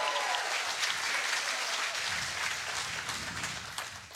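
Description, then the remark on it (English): A game show studio audience bursts into steady, dense applause with some cheering mixed in for a contestant about to play for $1,000, sustained and fairly loud throughout the few seconds, with no one speaking over it. “Let's have the advanced cheer”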